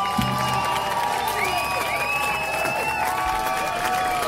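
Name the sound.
audience clapping and cheering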